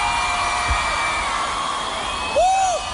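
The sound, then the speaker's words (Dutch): A dense, steady roar of a crowd screaming and applauding, with one loud whoop rising above the din near the end. “Een hoop gegil, een hoop applaus”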